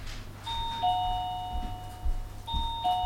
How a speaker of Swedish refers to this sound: Jag ligger och sover och så plingar det på dörren.